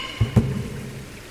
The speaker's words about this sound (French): donc c'est encore bien humide, hein. T'as vu toute cette pluie là, on est